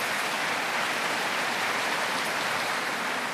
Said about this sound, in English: yes, you can give them a round of applause. Do indeed.